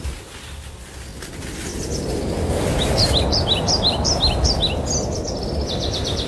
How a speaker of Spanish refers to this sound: Los pájaros cantan desde lo alto y el sol se asoma entre las hojas, dejando pequeños rayos de luz sobre el suelo.